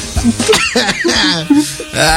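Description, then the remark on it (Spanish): A person coughs several times in quick, uneven bursts, fairly loud, with voiced, laugh-like sounds mixed between the coughs. “Cuando me da tos es que es bueno.”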